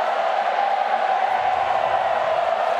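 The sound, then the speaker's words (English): A steady, loud roar from a stadium crowd of Fremantle (Freo) football fans, a broad continuous din of many voices with no single shout standing out, holding level throughout. “It's Freo fans who are making a din.”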